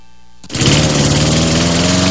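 A small motorized engine, like a brushcutter or chainsaw, roars to life after a brief quiet moment and keeps running loud and steady, with a buzzing drone and no voices.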